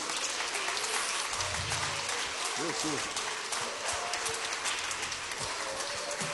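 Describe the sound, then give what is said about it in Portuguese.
A church audience claps hands for Jesus at a Wednesday afternoon service in a dense, steady burst of applause that fills the whole clip, with a few voices calling out faintly underneath. “e as palmas para Jesus.”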